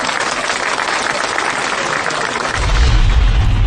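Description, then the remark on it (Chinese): A classroom of students, asked by the teacher to applaud themselves after reciting the classical Chinese text Yueyang Lou Ji (Yueyang Tower), claps together in a dense, steady burst of applause that stays loud throughout, with a heavier low rumble joining in near the end. No one speaks over it. “哎，让我们为自己鼓鼓掌吧，好不好？”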